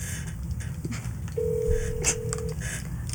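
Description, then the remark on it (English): A steady electronic telephone tone sounds for about a second, clear against a low background hum, like a phone line signaling an incoming call. “Oh, is someone calling the phone right now?”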